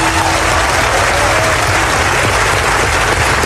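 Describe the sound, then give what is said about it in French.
Loud, sustained applause from a large audience giving a singer an ovation at the Festival de Cannes in the Palais des Festivals, a dense continuous wash of clapping that holds steady throughout with no voices standing out. “7 ans après avoir essuyé les huées du MIDEM dans cette même salle du Palais des Festivals, … est cette fois ovationnée et elle offre un moment qui est devenu culte dans l'histoire du Festival de Cannes.”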